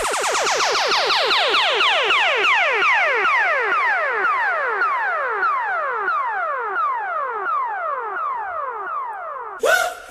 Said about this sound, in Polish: To był ten dżingiel przeznaczony na miejsce pierwsze